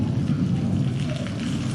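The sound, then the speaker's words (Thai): Steady rain hisses throughout, with a deep, rolling thunder rumble underneath. The storm sound is continuous and fairly loud, with no voices. “อุ๊ยตอนนี้ฝนตกแล้ว”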